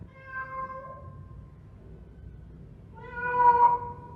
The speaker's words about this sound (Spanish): Y se fue el señor perro y al rato pasó el señor gato.